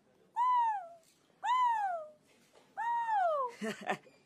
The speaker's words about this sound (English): He'd heard the fish eagle's cry when he was with his uncle.